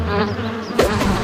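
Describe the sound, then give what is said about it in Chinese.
A steady, dense buzzing of bees fills the short clip, a swarm-like drone with a brief louder burst partway through. “蜜蜂，找俺！”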